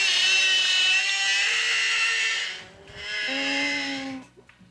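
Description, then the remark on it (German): Whale song: two long, loud droning calls rich in buzzy harmonics, the first lasting nearly three seconds, the second shorter with a steadier, lower tone, with no voices. “Man glaubt es nicht, aber so klingen Wale,”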